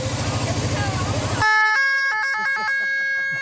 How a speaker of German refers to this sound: die lässt jetzt die Sirene ertönen.